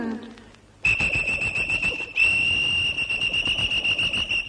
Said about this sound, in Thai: ต้องเป่านกหวีดให้น้องฟังเลย